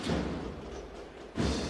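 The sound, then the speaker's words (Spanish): A sudden cymbal crash near the end bursts out of a steady outdoor hubbub, a marching band striking up its first beat in a religious procession at the door of Santo Domingo. “Suena el platillazo.”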